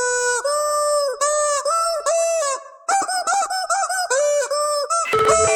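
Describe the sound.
A squeaky rubber chicken toy honks out a song melody in loud, sustained squeals, each note stepping up and down in pitch with short breaks between phrases, for a song-guessing segment on Chattanooga's classic rock station KZ106.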